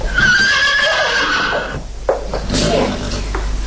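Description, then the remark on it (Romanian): A horse neighs loudly, a long wavering whinny that trails off into snorts and breathy huffs, with no one speaking. “Un cal.”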